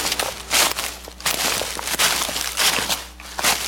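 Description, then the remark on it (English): Footsteps crunch through dry leaves outdoors in a steady walking rhythm, each step a loud, crackly burst of brittle rustling, with no voices. “The leaves are crunching outside”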